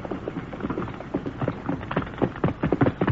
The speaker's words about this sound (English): Down behind this windfall. Keep your gun handy. Me do it. Quiet. That horse is coming.